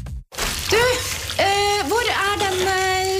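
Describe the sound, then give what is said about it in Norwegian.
A tap runs with a steady rushing hiss, while a loud whining squeal rises, dips and wavers on top of it, continuing for a few seconds after a brief gap. “Krana.”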